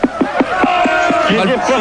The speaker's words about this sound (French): Bah ouais, mais là, écoute, le public est en train de gueuler, écoute-les. Ah bah ouais, ils veulent se faire rembourser, là.